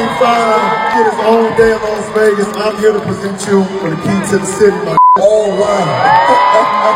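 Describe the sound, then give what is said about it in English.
A huge sold-out indoor arena crowd at a concert residency at Planet Hollywood in Las Vegas roars continuously, layered with whoops, yells and shouting voices that swell and echo through the large space, with a brief cut near the end before the cheering resumes. “This is a sold out crowd.”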